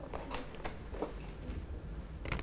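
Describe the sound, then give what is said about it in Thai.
Sheets of colored paper being taken out of a basket, with crisp rustles and flutters in a few short bursts over steady soft handling noise. No one speaks. “จากนั้นนะคะเราก็จะหยิบกระดาษสีออกมาค่ะลูก”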